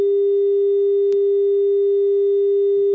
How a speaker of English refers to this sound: I think that's a disconnect. Maureen, we've got the dial tone. Can we disconnect that caller?